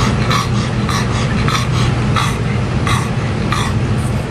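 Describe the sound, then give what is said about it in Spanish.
A dog pants in quick, steady breaths during the hottest night in Europe, each huff a short airy rasp repeating roughly twice a second, over a constant low hum with no voices. “este sonido con el que arrancamos esta historia de la noche más caliente en Europa, comienza con el jadeo de un perro.”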